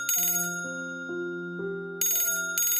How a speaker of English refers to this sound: It was about 8:45 on that wet morning when the phone rang.